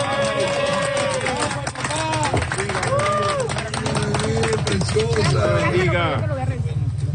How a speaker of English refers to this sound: Applause as rescuers pulled a newborn baby out of the debris a few days ago. Videos show the baby wrapped in a pink blanket, eyes wide open, being handed to what appears to be their father.